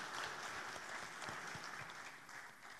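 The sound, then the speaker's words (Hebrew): Steady audience applause, a dense wash of many hands clapping at an even, fairly loud level for a few seconds, with no voices rising above it. “תמיד ההורים שלנו היו מספרים לה, כן, מגיע להם מחיאות כפיים.”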